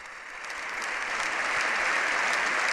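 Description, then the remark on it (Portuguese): Sustained applause from a large crowd for the Pope, lasting several minutes: a dense steady roar of clapping that swells slightly and holds at a loud, even level throughout, with no voices over it. “Realmente um longuíssimo aplauso de não sei quantos minutos para o Santo Padre.”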